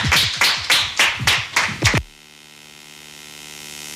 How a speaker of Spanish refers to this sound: Muchísimas gracias y a ustedes también por acompañarnos y un aplauso para nuestros invitados e invitadas.